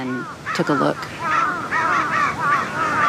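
Several crows caw harshly in rapid, overlapping alarm calls after finding a dead crow on the ground, a steady, loud clamor of repeated cries that fills the whole stretch.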